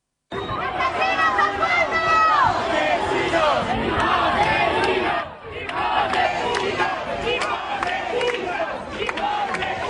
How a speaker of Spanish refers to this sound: amplio dispositivo policial para tratar de contener a los activistas radicales aquí concentrados, que no han dudado en intentar romper el cordón policial, empujándoles, insultándoles con gritos de asesinos, fascistas, sinazis. Esto es lo que decían.